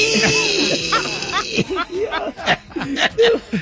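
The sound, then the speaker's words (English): A man whimpers and cries in fairly loud bursts, his voice sliding up and down in high, wavering whines that sound almost dog-like, with short breathy sobs in between. “Y'all know them thugs be crying.”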